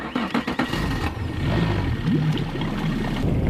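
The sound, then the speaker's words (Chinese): The outboard motor of a small speedboat heading out to fish for pike sputters and then settles into a loud, steady drone, with a brief rise in pitch as it revs up. No one speaks. “对对对， 那咱这一小快艇，你连渔网也没拿，你怎么捕鱼啊？”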